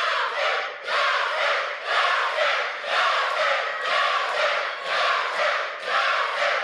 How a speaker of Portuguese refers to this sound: Torcida mandando energia aqui para os nossos participantes. Muita energia. Cadê o pessoal da torcida?